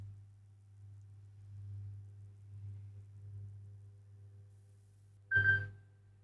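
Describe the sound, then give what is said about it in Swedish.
A telephone rings once near the end, a short, bright electronic burst with a buzzy tone, after several seconds of steady low hum and no talking. “Det ringer, det ringer, hör, hur kan det vara?”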